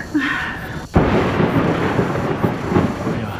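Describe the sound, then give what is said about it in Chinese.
After a brief quieter moment, a loud crack of thunder breaks in as rain begins and rolls into a sustained rumble, with a steady hiss of rain filling the background. “下雨了， 走吧，走吧。”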